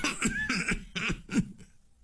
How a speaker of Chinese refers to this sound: 这时候道光帝看了看他的两个儿子，首先很是高兴，一股暖流涌上了心头，但是没想到这一激动，他咳嗽了几声。